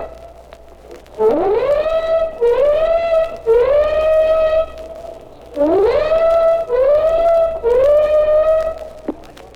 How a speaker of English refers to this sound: Our own ship has just gave its warning whistles, and now the flak is coming up in the sky in streamers from the warships behind us.